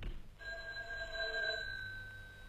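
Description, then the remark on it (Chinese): A telephone rings with one sustained, bright trilling tone lasting about two seconds, with no voices, over faint background noise. “盲人打电话，电话找盲人。”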